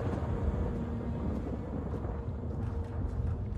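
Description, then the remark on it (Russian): A deep, rolling rumble of thunder over a city with lightning flashing, steady and heavy without sharp cracks, carrying a faint crackle above the low roar. No one speaks. “Над городом тучи сверкают молнии.”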